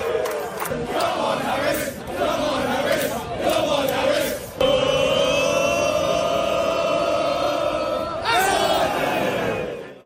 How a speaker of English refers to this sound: Classic football chant, except it's at a baseball game. It's baseball chanting by football fans. It's a classic baseball football chant. That was the sound of dozens of England fans cheering on Atlanta Braves outfield.